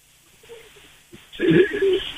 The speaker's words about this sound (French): Et donc j'essaie d'appeler le téléphone. Évidemment, personne ne répond.